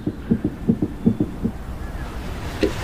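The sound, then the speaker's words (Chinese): A fetal heartbeat on a doppler monitor: quick, steady whooshing thumps, about eight beats in rapid rhythm over a muffled, washy background hiss, then fading into static. “挺跟小火车似的。”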